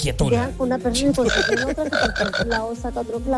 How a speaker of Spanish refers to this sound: Ole, ya, pero ya le está diciendo el sapo que no, que eso es mentira.